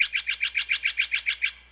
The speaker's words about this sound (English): Did you answer blue jay? Nope. This is the Steller's jay. If you're west of the Rocky Mountains, you're most likely to hear the Steller's jay.